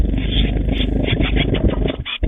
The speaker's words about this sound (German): Die kleinen Meisen haben nämlich ganz frisch entdeckt, huch, ich habe ja Flügel. Und die wollen sie unbedingt jetzt auch ausprobieren und so hört sich das an.